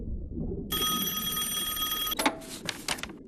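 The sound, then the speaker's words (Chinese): A telephone bell rings steadily for a moment over low background rumble, then cuts off abruptly, followed by a few clattering clicks like a handset being picked up; a call from family for Huang Danian during an experiment on the North Atlantic seabed in March 2004. “那是2004年3月，北大西洋海底，黄大年正在专心做着试验，突然有人通知他，家属来电话。”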